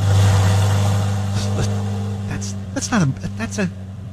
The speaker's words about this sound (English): That's a purring. The powerful purring of a Corvette in my garage. I got the new Z06.